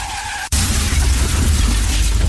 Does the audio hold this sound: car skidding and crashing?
yes